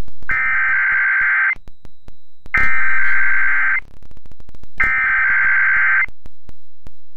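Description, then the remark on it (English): Three loud, harsh electronic tone bursts, each lasting about a second with short gaps between, the grating buzz of emergency alert system attention tones during a test of the system, with no talking. “The following tones are part of the emergency alert system.”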